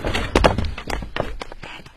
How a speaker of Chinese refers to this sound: 打开。 那你叫狗让开。 好，你开门吧。